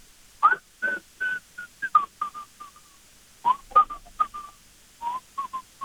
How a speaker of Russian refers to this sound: представляю респиратор к лицу и насвистываю какую-нибудь советскую классику